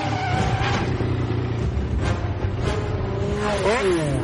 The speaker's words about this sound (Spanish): Esta es una escena de persecución en donde destrozan un montón de coches y ya está.